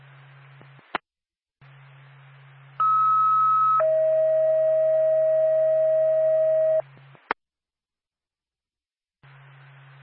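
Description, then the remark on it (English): A loud two-tone paging alert for Whitefield Ambulance: a higher steady tone for about a second, then a lower steady tone held for about three seconds, framed by radio clicks and a low hum. “North Ag, Whitefield Ambulance, stand by for a tone.”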